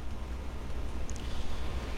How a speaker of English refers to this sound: In the background, you are listening to Winter, Wind, and Rain by Freesound user Lakewood Sound, who says, "Winter, wind, and rain in the Appalachian Mountains of West Virginia, USA. Wind through bare trees on the mountainside approximately 100 yards